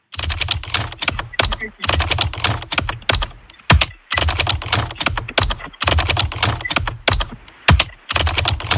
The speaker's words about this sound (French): Un clavier d'ordinateur ? Un clavier d'ordinateur, et c'est la bonne réponse.